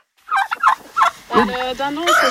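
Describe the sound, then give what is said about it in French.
Hens clucking on a farm in the Ardennes, France, in a quick, uneven run of short throaty calls that grow busier and more overlapping toward the end, with no one talking. “Pour Anne Abraham et sa famille, plus question de manger les œufs de leur poule.”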